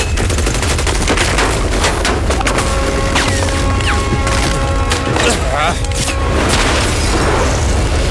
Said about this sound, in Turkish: Kız burada mı? Evet, burada. Mağazada, evet. Çünkü içeriden silah sesi duyuyoruz.